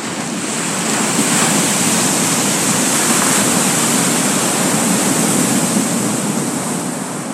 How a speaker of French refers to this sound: Des années plus tard, le Pacifique, bien que calme et tranquille de caractère, eut un véritable accès de colère. Il gonfla tellement que d'énormes vagues se brisèrent contre sa chère île.